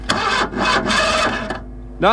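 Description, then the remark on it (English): A voice imitates a car engine cranking and failing to start, for a car stuck about 2 miles from Ballineen: several raspy, sputtering bursts in a rough rhythm, then a short rising vocal whine at the end, fairly loud. “I'm stuck out here, about 2 miles from Ballineen, and I can't start the car.”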